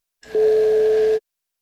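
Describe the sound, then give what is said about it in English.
A steady synthesizer tone played through a speaker holds at one unwavering pitch for about a second, loud, with a faint buzzy hum underneath, then cuts off abruptly into silence. “what would be the difference between that sound made by the synthesizer and the sound made by an ordinary”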